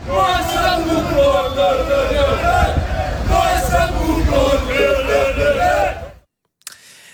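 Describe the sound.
A loud stadium crowd in Greece, at the Champions League match between NEC and Olympiakos Piraeus, roars and chants steadily for about six seconds, a dense wall of massed voices, then cuts off abruptly into near silence with a brief click.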